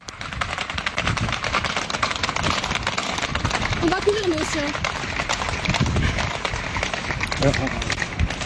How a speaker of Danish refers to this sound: Og så er der jo altså også firbenet på vej væk fra brandene, som det her klip, man kan høre på det her klip, det er fra Biscarrosse, som ligger 65 km sydvest for Bordeaux, og hvor en flok heste altså flygter fra røgen.